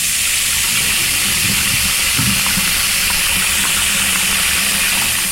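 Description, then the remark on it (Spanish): Water runs steadily and loudly from a bathroom tap at night for the whole stretch, a dense rushing hiss with a brief splashy burst near the middle as water is splashed onto the back of a neck, with no voices. “Fue al baño y se echó un poco de agua en la nuca.”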